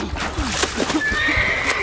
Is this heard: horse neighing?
yes